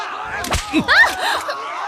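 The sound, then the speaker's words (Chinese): A single sharp whip crack snaps out, followed right after by short voiced sounds like a chuckle or exclamation. “凭这根鞭子。”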